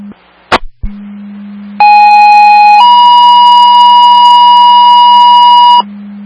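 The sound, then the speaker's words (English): A brief static click, then a two-tone emergency pager alert from Herkimer County dispatch to St. Johnsville, second tones for a lift assist in the Town of Danube: a steady one-second tone followed by a slightly higher tone held about three seconds, loud over a low radio hum. “Herkimer County to St. Johnsville, second tones for lift assist.”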